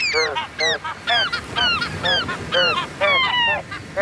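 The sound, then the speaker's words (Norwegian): A choir of several voices imitates seagull calls together, producing loud, rhythmic squawks and honks in quick succession that mimic the melody of a well-known song, with no talking. “P4s måkekor rett og slett har etterlignet en kjent låt som vi snart spiller”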